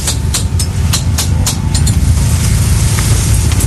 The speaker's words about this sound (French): Vous entendez derrière Pierrot qui continue à dévisser